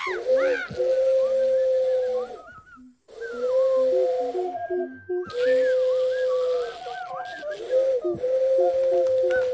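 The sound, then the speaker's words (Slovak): A person imitates an owl with long, breathy, wavering hoots, loud, in three drawn-out stretches separated by brief pauses. “Ja húkať.”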